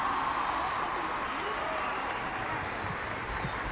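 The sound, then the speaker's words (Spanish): Steady, dense audience applause for a tropical-music singer fills the whole stretch, a continuous wash of many hands clapping at an even, fairly loud level without any pauses or voices standing out. “Bien fuerte que se escuchen los aplausos.”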